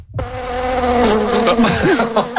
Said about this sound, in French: Bondé de moustiques? Oui, ça, ce sont des moustiques pour parler des joies du camping.